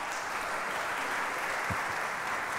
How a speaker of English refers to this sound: Oh, that'll be a live recording then. It will be a live recording. I didn't mean to speak over the applause of that beautiful performance.